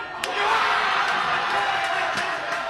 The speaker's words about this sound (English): Paraguay wins, vanquishing the legendary German squad. The crowd goes nuts